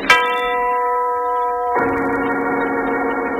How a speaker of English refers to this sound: The voice of the giant, the huge tower clock that overlooks the strange house in the country, the clock whose owner died of a heart attack 2 weeks ago.